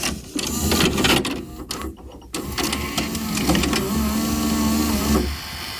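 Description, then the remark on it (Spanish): A VHS video cassette recorder's mechanism whirs and clunks, a motor drone with mechanical clicks and a brief pause, then a steady hum that cuts off near the end. “¿Vídeo? Sí, casi. Bien. ¿Un vídeo? Gracias. VHS.”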